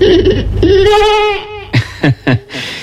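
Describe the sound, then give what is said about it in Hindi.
A sheep bleats loudly, one long quavering cry, followed by three short clipped bleats in quick succession. “बीरबल ने एक भेड़ मंगवा कर कहा,”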